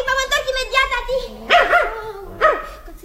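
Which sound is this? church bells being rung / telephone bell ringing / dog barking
dog barking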